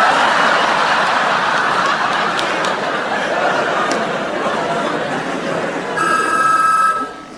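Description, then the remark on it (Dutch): A telephone bell rings loudly for about a second near the end, cutting through a steady, noisy crowd murmur with scattered chuckles that fills the whole recording. “Hartelijk welkom bij ons telefoonspelletje. Wie heb ik aan de lijn?”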